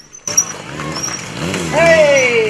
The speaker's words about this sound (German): Für das Auge gab es dann eine Motorrad-Stuntshow